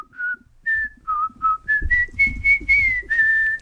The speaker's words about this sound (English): Do you want me to whistle it? Yeah, you can whistle it.